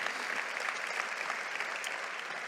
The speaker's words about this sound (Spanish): ¡Wow! ¿Puedes darle un aplauso a Dios por esa historia tan linda?